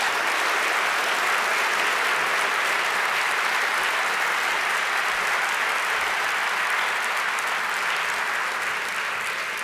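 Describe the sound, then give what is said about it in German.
Sustained audience applause at the Deutscher Kamerapreis award ceremony for a winner receiving a third Deutscher Kamerapreis, a dense, even wash of many hands clapping at steady loudness, full, with no voices on top. “Einen großen Applaus und herzlichen Glückwunsch,”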